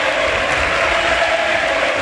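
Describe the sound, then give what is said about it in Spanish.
The whole crowd at Butarque stadium stands for an ovation as La Liga top scorer Sergio Camello is substituted, a dense, steady wash of clapping and cheering that stays loud and even throughout, with no voices standing out. “Ojo, chicos, porque ovación en Butarque, todo el estadio de pie para la retirada del bigoleador y pichichi de la Liga, Sergio Camello, para que entre Alemão, y también se retira, mira.”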